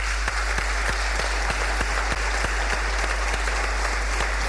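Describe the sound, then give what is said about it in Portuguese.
Steady applause from a crowd at a municipal sports awards ceremony in Gouveia, Portugal, as an honoured athlete is called to the stage. Dense clapping fills the whole stretch at an even loudness with no voices heard. “Uma salva de palmas.”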